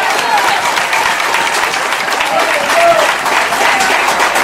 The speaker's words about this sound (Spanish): Alabe a Dios si puede. Un fuerte aplauso al Señor en esta hora.